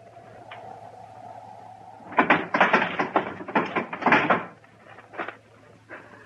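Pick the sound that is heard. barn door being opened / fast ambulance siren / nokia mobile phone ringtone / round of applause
barn door being opened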